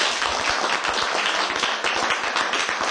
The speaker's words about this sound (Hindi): सभी के लिए एक बार जोरदार ताली बजाओ।